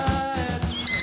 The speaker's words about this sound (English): Why did you set the alarm so early? I'm just getting myself into the Central American time zone.